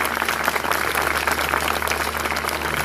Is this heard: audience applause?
yes